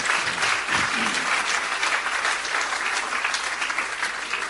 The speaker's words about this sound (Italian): Un applauso ai giornalai.